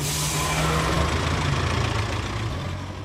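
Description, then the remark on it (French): The engine of the Coast to Coast bus, a large bus, idles with a steady low rumble and a broad hiss above it, holding constant for the whole few seconds with no voices. “With Jean-Pierre in the Coast to Coast bus.”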